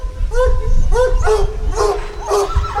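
A pack of hunting hounds at a trail hunt barking and yelping together, a steady chorus of overlapping high calls and yips with no pauses, loud over a rumbling outdoor background.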